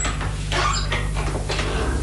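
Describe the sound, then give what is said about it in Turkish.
A house door creaks open with a few drawn-out squeaky groans over a steady low hum, moderately loud, with no voices. “Yani kapının açık olduğunu mu söylemek istiyorsun?”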